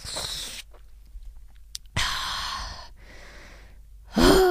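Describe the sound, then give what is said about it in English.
A short slurping sip of water from an office water dispenser, then a long breathy sigh, a softer trailing exhale, and a final voiced breath at the end, with no talking. “And the last one is that you take a sip and sigh, and so goes another day in the office.”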